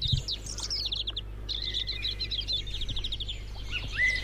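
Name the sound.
blackbirds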